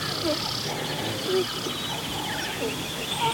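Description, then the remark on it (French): Short, nasal, duck-like alarm calls from a herd of gazelles, scattered and overlapping, over a steady hiss of insects in a large prairie of dry grass in the savanna in Kenya, with no water hole, on a very hot day. “Ce sont des gazelles.”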